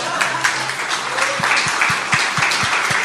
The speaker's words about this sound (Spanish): habría que darle un aplauso, no queremos que se la crea igual.